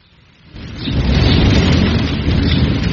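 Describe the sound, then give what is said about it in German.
A deep, rolling rumble of thunder swells in after a quiet start and keeps booming over a steady wash of heavy rain, loud with no voices. “Du, die Gewitterwolken ziehen ab, Vater.”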